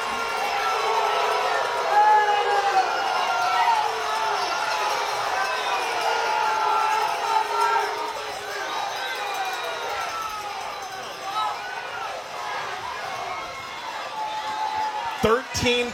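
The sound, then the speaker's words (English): A loud football crowd roars and cheers continuously during a stoppage for an injury to an Eagles player in a game against Columbia City, a dense wash of voices with shouts rising and falling, and a few sharp thuds near the end. “And I don't have to say a thing. I'll let the crowd.”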